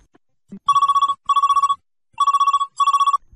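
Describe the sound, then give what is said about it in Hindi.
A telephone rings with an incoming listener call to the Sunhare Nagme programme: four loud electronic trilling bursts in two pairs, each a rapid warbling pulse, with no one speaking. “चलिए लेते हैं पहला फोन कॉल, देखते हैं कौन श्रोता बात कर रहे हैं हमसे।”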